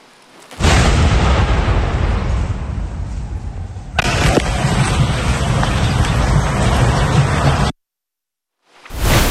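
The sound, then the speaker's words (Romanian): A loud, sustained rumbling roar of two explosions in Damascus, Syria, near the hotel of French President Emmanuel Macron, heavy, with a jolt partway through where the noise shifts, then an abrupt cut to silence before it returns briefly. “Este alertă maximă la Damasc după două explozii care au avut loc la doi pași de hotelul președintelui Emmanuel Macron, care era în vizită în Siria.”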